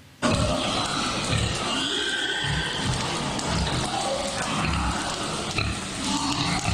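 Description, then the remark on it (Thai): Pigs grunting and snorting continuously in a busy pen on a livestock farm being inspected by consumer protection police over suspected use of a lean-meat accelerant in their feed, a dense, steady mix of animal noises with no talking. “เป็นสภาพร่างกายของหมูและวัวที่ได้รับอาหารมีส่วนผสมของสารเร่งเนื้อแดง”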